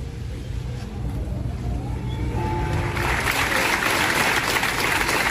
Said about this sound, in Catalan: Minut de silenci, sentit i llarg aplaudiment que es va fer davant l'Ajuntament per la mort de dos germans bessons d'11 anys que es van ofegar al riu Ter, a l'Excalatrava.